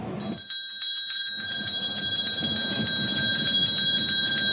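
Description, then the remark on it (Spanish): A bell, rung on request during a radio commentary of the Melgar vs Alianza Lima football match, rings repeatedly in quick, bright strikes, its metallic tones sustaining and overlapping over a low background rumble, fairly loud throughout. “Pero antes, sacristán, tócame la campana.”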